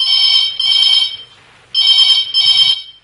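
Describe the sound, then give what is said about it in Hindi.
A telephone rings in loud, bright electronic bursts, three separate rings with short gaps between them, clear with no one talking; an incoming call to a farmers' phone-in program. “मैं देखो एक और घंटी बजने लगी है दुकान, इन भैया को भी फोन उठा लें, को भैया अपन से मेरा बात चार बता बिल्कुल रहे हैं भैया, तो उठाओ फोन भैया।”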